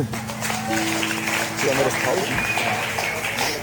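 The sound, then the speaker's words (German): A crowd applauds steadily for a few seconds, a dense wash of clapping with indistinct voices and murmuring mixed in. “Ein Applaus”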